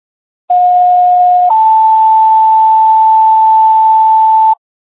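A two-part fire dispatch alert tone: a steady mid-pitched tone for about a second, then a slightly higher steady tone held for roughly three seconds, loud and alone before stopping abruptly, sent out at 15:42 before Webster Fire is dispatched to a general fire alarm at 10 Golden Heights, buildings 11 through 16 and 19.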